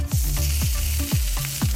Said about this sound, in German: Wir brutzeln vor uns hin.